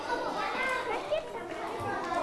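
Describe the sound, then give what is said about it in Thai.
A classroom full of children chattering noisily at once, a steady overlapping babble of young voices with no single speaker standing out, holding a constant busy level throughout. “นักเรียนนักเรียนเงียบเสียงนะคะ”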